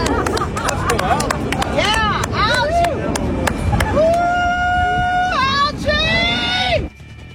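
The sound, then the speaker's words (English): A crowd of costumed women cheers and chants for algae at the reflecting pool on the mall in Washington, D.C., in a loud, dense roar, with rising and long held voices and whoops rising over the din before the sound cuts off abruptly near the end. “Yes, they're cheering pond scum. They're literally chanting for algae down at the reflecting pool on the mall in Washington, D.C.”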